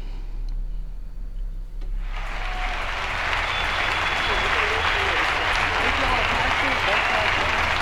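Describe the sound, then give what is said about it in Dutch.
Loud, sustained applause from a large festival crowd on the Isle of Wight in 1970 swells in after about two seconds and roars on continuously, a dense wash of clapping from a big open audience, before the singer comes on stage. “Eerst een groot applaus natuurlijk.”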